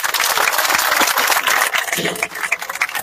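An audience applauds, at an event about newly asphalted avenues including Avenida Ucrania, in a steady, dense wash of clapping that stays loud for about three seconds, with a hint of voices mixed into the crowd noise.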